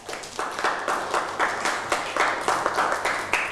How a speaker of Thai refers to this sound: เอาปรบมือให้กับเพื่อน